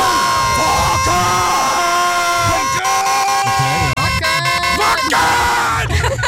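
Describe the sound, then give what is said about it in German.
A loud crowd chants "Wacken!" and yells in rhythm over a bright, buzzing horn-like jingle, the official Wackenwecker 2026 wake-up alarm, voices rising and falling in repeated bursts for several seconds, dense and energetic throughout. “hier kommt das Ergebnis, der offizielle, erste offizielle Wackenwecker 2026.”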